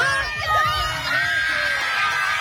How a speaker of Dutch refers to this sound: Een explosie van vreugde bij de moeders langs de zijlijn.